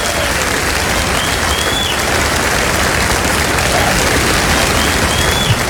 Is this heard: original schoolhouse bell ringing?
no